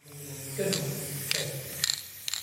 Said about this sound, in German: Im Kunstmuseum der Kleinstadt Goch sprüht Thomas Baumgärtel sein sogenanntes Gaza Girl an eine weiße Museumswand. Ein Mädchen mit einer Palästina-Flagge.